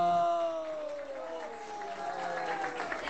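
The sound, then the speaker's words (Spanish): A crowd applauds and cheers for Christ, with steady clapping and loud sustained shouts and whoops rising over the noise throughout. “¡Más fuerte los aplausos para Cristo!”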